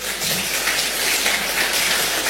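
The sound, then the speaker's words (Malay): A crowd claps steadily for the Region 8 choir, a dense, even patter of many hands that holds at a constant loudness for the whole couple of seconds, with no voices over it. “Boleh tepuk tangan dulu.”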